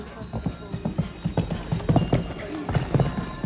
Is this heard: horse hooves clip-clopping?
yes